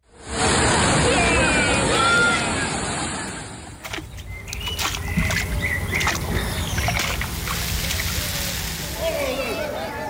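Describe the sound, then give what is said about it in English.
Water sloshing and lapping around boats on a sunny, hot May Day bank holiday weekend in the UK, with a busy murmur of voices and outdoor bustle throughout; the texture shifts partway through to quieter splashes and occasional knocks. “Oh, that water sounded enticing.”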